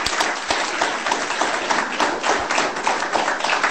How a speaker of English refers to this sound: So we appreciate you, and thank you very much for sharing your thoughts tonight, the insight that you provided to us through all of your answers. So can we give them a round of applause, ladies and gentlemen?